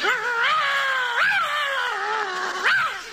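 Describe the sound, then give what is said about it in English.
A dog whines and howls continuously, its pitch sliding up and down in wavering swells, fairly loud with no talking over it. “Will your dog bite me?”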